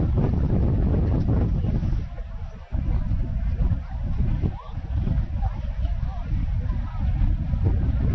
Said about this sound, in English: A little movement in the air with a gust of breeze.